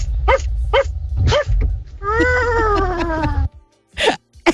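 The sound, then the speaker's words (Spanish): A person calling in to Radio Disney imitates a dog, giving several sharp barks followed by a long whining howl that slowly falls in pitch, then two more quick barks, loud over a low rumbling background. “el sonido que hago es el del perro. Hay varios ladridos.”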